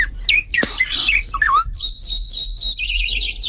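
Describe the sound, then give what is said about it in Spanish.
Several birds sing together, with a varied warbling song and a repeated run of bright, high chirps, including a blackbird, over faint low background rumble. “Son varios. Hay varios. ¿No? Hay un mirlo también.”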